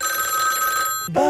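A telephone rings for a caller on a radio call-in quiz show, with a steady, bright electronic tone that holds for about a second, then breaks off just as a voice briefly starts to speak.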